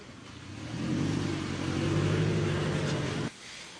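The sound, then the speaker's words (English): The engine of Mary Pelota's car revs up as she drives away, its low droning hum growing louder for a few seconds before cutting off abruptly near the end. No one speaks. “There she goes, driving away, Mary Pelota, not wanting to answer questions about how she treats her staff.”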